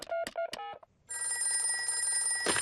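A short run of electronic dialing beeps as a call is placed to the doctor, a brief pause, then a steady, bright telephone ring that keeps going to the end, fairly loud, with no one speaking.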